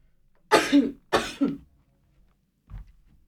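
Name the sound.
sneeze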